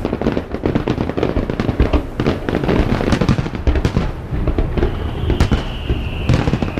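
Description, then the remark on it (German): Fireworks at the Goldmakrelenfest in Cala Ratllada burst at 10 p.m. in a rapid, dense barrage of loud booms and crackles, followed by a couple of high whistling streaks rising over the continuing pops. “Um 22 Uhr gibt's noch ein großes Feuerwerk am Himmel.”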